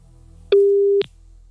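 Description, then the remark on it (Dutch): A single steady telephone ringing tone from an outgoing call, a clean mid-pitched beep lasting about half a second with a slight click at each end, heard alone over faint background hum. “Ik was alleen verrast dat ik gebeld werd.”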